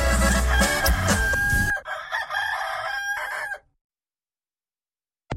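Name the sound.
rooster crowing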